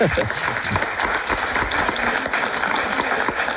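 A crowd applauds steadily, many hands clapping in a dense, continuous patter at a fairly loud level throughout, with no voices standing out above it.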